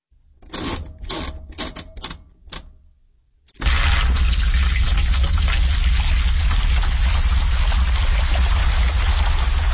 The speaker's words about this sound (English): This is a washing machine, and it's been turned into music.